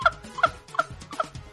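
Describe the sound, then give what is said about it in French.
A chicken left in a car squawks in a quick series of four harsh, throaty calls, evenly spaced, with no talking over them. “Comme il y a même une dentiste là, on a abandonné le poulet dans la voiture parce que j'ai regardé la séquence là.”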